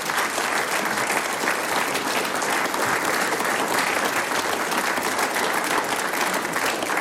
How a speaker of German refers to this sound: Euer Applaus. Dankeschön.